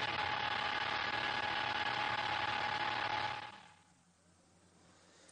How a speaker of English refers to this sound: So we are just getting that car pulled out of the gravel and perhaps restarted.